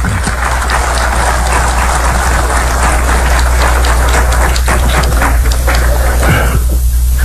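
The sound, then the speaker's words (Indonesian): A crowd applauds steadily for several seconds to honour the leadership of Danantara and its team, a dense, even crackle of many hands clapping at once, with a low steady hum underneath and no voices. “Kita tepuk tangan.”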